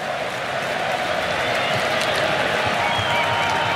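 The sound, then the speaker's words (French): A steady wash of crowd applause on the Scottish side at a match against Morocco, after a tackle to the ground, fills the whole clip, dense and even in loudness, with a broad hiss of many hands clapping at once and faint murmuring beneath. “Et c'est pour ça que tout le monde applaudit du côté écossais.”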